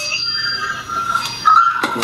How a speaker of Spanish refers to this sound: ¿El timbre otra vez? Es el timbre de arriba.